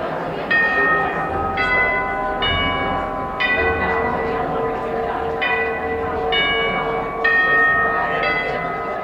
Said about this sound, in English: When the chimes ring in the lobby of Heinz Hall, concertgoers pretty much know what to expect.